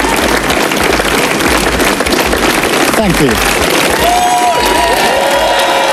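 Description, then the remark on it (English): Staff and ministers gathered in the sunshine either side of Number 10 Downing Street clap and cheer as Sir Keir Starmer walks out, leaving for the final time: a steady, dense wash of applause, with a few rising whoops near the end and a brief spoken thanks heard over the noise. “He walked out to applause and hand in hand with his wife.”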